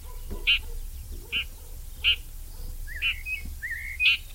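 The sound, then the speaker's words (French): A red-backed shrike gives five short, harsh alarm and contact calls at fairly even intervals, with a couple of thin rising whistles between the later calls over a low steady rumble. “Ici, on l'entend en train d'alarmer, de faire ses cris de contact ou ses cris d'inquiétude.”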